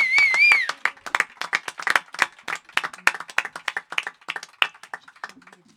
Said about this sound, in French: On peut les applaudir, je crois. Bien, on peut applaudir. Bravo.